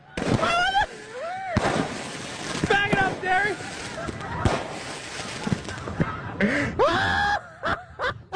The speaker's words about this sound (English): I know that that's old. I know you've probably heard it many times before, to laugh at a guy as he's getting fireworks raining down on him.